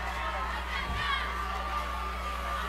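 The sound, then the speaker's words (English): A large outdoor football stadium crowd in Harrisburg roars steadily during a third-and-four play, a broad wash of cheering and shouting voices with no individual words, holding a constant level throughout. “Harrisburg crowd trying to make some noise here on this third and four.”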